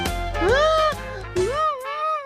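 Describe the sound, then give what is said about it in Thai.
A young kangaroo cries in two drawn-out, whiny wails, each rising then sagging in pitch, fairly loud with a brief gap between them and no talking. “เอ๊ะนั่นเสียงอะไรกันน่ะอ้าวเสียงร้องไห้นี่นาแสดงว่ามีคนไม่มีความสุขอยู่นะสิไหนลองดูซิ”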